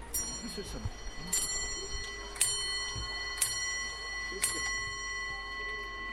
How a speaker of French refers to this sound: Bon, on peut percevoir un tic-tac, effectivement, dans le chalet.